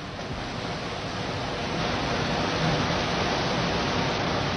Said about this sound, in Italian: Non so se vi giunge questo rumore. Arriva perfettamente. Ecco, questo non è un fiume, è la via Cerretani, è la via Pansani. è il cuore di Firenze, invaso dall'acqua.